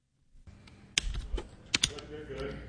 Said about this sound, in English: Fingers tap across their keyboards as local students ponder complicated questions on artificial intelligence.